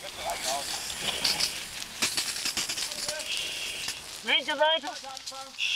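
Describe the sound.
A burning house fire crackles and pops under a steady, loud hiss of water spray as a firefighter starts extinguishing it 7.5 minutes after the emergency call, beginning at the sides so the fire does not spread to the neighbouring house. Brief indistinct voices call out near the end.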